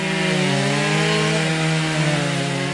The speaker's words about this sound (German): Hier hat sich zum Glück kein wütender Wespenschwarm über mein Aufnahmegerät hergemacht. Das sind nur die Kettensägen von zweien der 22 Kunstschnitzer, die vergangenes Wochenende in Altenkessel zu Gast waren.